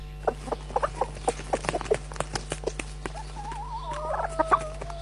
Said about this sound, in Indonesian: Sedang apa induk ayam itu? Sedari tadi di situ. Sepertinya ada sesuatu yang ia temukan. Dan kenapa juga dengan ayam jantan hitam itu selalu mengais-ngaiskan kaki ke tanah?